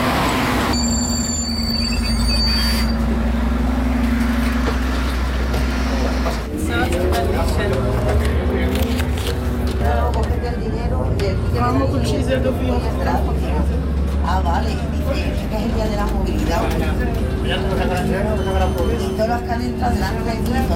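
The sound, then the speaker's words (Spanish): Inside a free city bus in Toledo, Spain, on Car-Free Day, a steady low engine rumble runs throughout while passengers chat, among them a woman, voices overlapping above the continuous drone. “Se intuye una señora explicándole al resto de a los pasajeros que tenía más cerca que no le han cobrado el billete, si le han pedido que se lleve el ticket, un poco como gesto de que está montada en el autobús, pero es gratuito hoy los autobuses”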